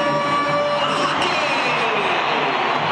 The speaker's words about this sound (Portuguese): Para a festa da torcida, né, que faz um barulho muito grande aqui na Arena Alviverde.